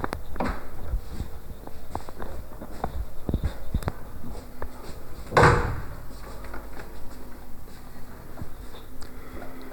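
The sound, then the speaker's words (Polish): Scattered footsteps and small handling knocks as a person walks back into a room whose door someone had left open, then a single solid door thud about midway, followed by quieter shuffling. No one speaks. “A ja już powoli wchodzę z powrotem do pokoju. Kurde. Cholera, drzwi ktoś nie zamknął.”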